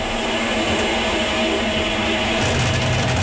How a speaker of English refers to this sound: Whoa, what's that? Idea. The dryer just making a move? No idea. And these are new machines. That is mysterious. Oh my god. That was like an alien landing. That's really unsettling.